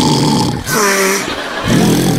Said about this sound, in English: When all of a sudden she hear a horrendous snoring sound.